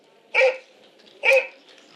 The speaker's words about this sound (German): Zu Bruegels Jäger im Schnee hören wir schwere Schritte und bellende Jagdhunde.